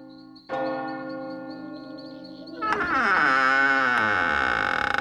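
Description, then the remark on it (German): A bell strikes twice, loud and resonant, the second stroke layering over the first's lingering hum into a rich, shimmering ring: the town hall clock in the little town of Eulenberg, at the foot of the castle, striking midnight. No voices are heard. “Pünktlich beim 12. Glockenschlag öffnet es die Augen.”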